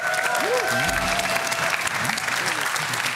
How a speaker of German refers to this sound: Hier, großer Applaus.